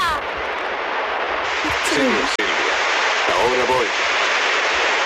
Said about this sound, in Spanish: Esto que escuchamos es el agua de la Fontana de Trevi, donde Anita Ekberg se está bañando, cosa que ahora le acarrearía una multa.